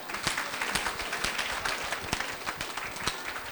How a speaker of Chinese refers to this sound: 鼓励讲几句话，大家来掌声。